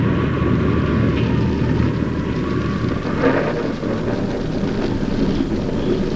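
A violent midnight storm roars steadily, with heavy wind and rushing rain forming a dense, loud wall of noise that barely lets up. There are no voices.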